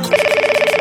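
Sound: telephone bell ringing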